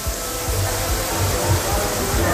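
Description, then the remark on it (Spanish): A loud, steady roar of rushing floodwater pours nonstop into Jesús station of the Valencia metro, recorded by users inside the metro, a dense wash of noise with faint, indistinct voices buried underneath. “El metro de Valencia, por ejemplo, sonaba así. Esto era captado por unos usuarios dentro del mismo metro. Escuchemos la cantidad de agua.”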